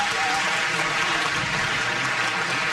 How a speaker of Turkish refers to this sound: Efendim koromuzu ve şefimiz Soner Özbilen'i bir kez daha alkışlıyoruz.